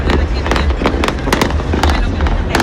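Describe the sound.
Fireworks explode in a rapid, irregular volley of sharp bangs and crackles over a steady low rumble, loud, with faint crowd voices underneath.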